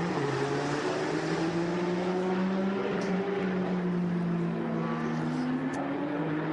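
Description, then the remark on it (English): A Porsche race car, driven by Oleksiy Kikirishenko, roars steadily for several seconds on track while trying to get through traffic. Its engine pitch slides gently up and down as it holds a loud, continuous, buzzing drone, with no voices. “It's Oleksiy Kikirishenko in the double eight up to race Porsche, trying to get through some traffic.”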